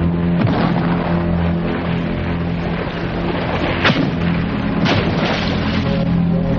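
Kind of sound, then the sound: impact, cannon salvo firing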